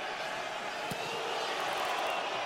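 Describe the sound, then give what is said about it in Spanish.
A stadium crowd of New York City supporters shouts at the player Nahuel during a soccer match, around the 33rd minute, in a steady, dense roar of overlapping voices, with one brief sharp knock partway through and no single voice standing out. “La porra de New York City gritándole a Nahuel.”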